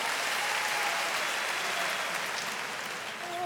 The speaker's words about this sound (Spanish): El aplauso